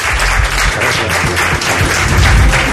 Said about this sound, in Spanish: Aquí le tenemos, un aplauso para él, un placer tenerte con nosotros.